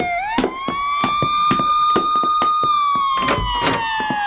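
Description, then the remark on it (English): A fire engine siren, coming up a street, holds a loud, steady wailing tone that slowly rises and levels off, while sharp irregular thumps and clatters punctuate it throughout. “Must be a fire, Kiki.”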